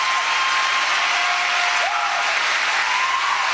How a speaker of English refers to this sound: And there they are, clapping like a bunch of morons.